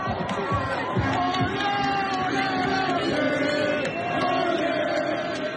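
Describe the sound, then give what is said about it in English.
A dense crowd of Haiti football fans, outnumbered by Scotland fans, shouts and cheers together in a stadium at a World Cup match, a loud, continuous wall of voices with overlapping yells and sustained tones that sound like chanting. “Haiti's fans were outnumbered, but still, they made some noise.”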